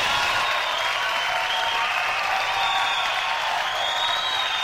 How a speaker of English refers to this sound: That's enough of the employees. Don't give them too much applause.